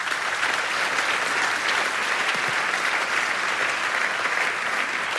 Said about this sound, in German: Wichtiger Hinweis, der Applaus galt der Aussage von Markus Lehmann und nicht im Namen Nikolaus Blume, weil ich den schon reingerufen hatte.